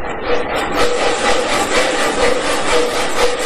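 Two people work a bucksaw back and forth through branches for firewood, a loud, gritty scraping that pulses about twice a second with no voices over it.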